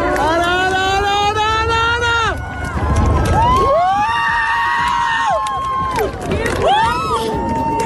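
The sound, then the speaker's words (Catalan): About 2,000 people at the Seu Vella viewpoint, with the sun to the west and no clouds, burst into loud, unified cheering and whooping as the moon fully covers the sun in an eclipse, the shouts rising and falling in three sustained waves with high, ringing voices carrying over the roar. “Les 2.000 persones que es reunien al mirador de la Seu Vella amb el sol a l'oest i sense núvols esclataven a l'uníson en el moment en què la lluna tapa del tot els últims rajos solars.”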